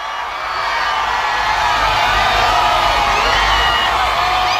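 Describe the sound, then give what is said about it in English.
A large crowd cheers loudly on both sides of the Champs-Élysées in Paris as Pope Leo approaches the Place de la Concorde in the Popemobile: a dense, sustained roar of many voices with scattered whoops, swelling in the first second and holding steady throughout. “They cheered and waved on both sides of the Champs-Élysées as Pope Leo, on the second day of his four-day visit to France, approached the Place de la Concorde in the Popemobile, a choir singing as he arrived to lead Mass in the open air.”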